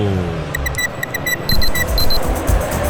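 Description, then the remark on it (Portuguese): A radio station's clock-ticking time-check effect during an Argentina match in the 2026 FIFA World Cup round of 32 in Miami, at ten and a half minutes of the second half: a rapid, steady series of bright, electronic ticks running for about three seconds over a low background rumble. “O relógio da Band News FM mostra, você confere, 10 minutos e meio, etapa final.”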